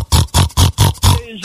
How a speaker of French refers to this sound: Écoute le cochon.